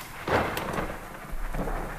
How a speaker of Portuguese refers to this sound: A chuva continua. Em Braga chove muito.